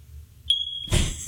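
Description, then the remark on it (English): A single high-pitched smoke detector chirp, a short shrill beep with a bright steady tone, followed by a burst of muffled rustling noise over a low rumble. Recorded on a phone; the chirps repeat with a gap of about four to five seconds. “It's like a 5-second gap, a 4-second gap in between chirps.”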